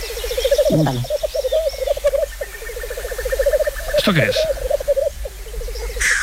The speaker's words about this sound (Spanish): Un gallo lira. ¿Un qué? Un gallo lira. Gallo lira, madre mía. Sí. A ver, súbelo un poquito. Es un primo del urogallo. Más pequeño, con la cola en forma de lira, negro, con dos carúnculas rojas bajo los ojos, creo recordar que es.